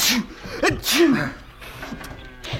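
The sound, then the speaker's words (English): A loud sneeze from a man with hay fever, with a voiced wind-up and sharp breathy bursts, followed by a short snort of breath and quieter sniffling noises. “I think … just about sneezed his through”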